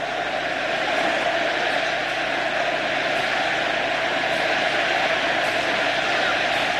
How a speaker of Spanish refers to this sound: El argentino lo ovaciona.